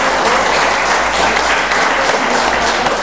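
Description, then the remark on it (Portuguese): A crowd claps steadily and loudly throughout in praise of the Lord, a dense, continuous wash of applause from many hands with no pauses. “Meu Deus, estão secas, meus irmãos, seca, seca, aplaudam ao Senhor.”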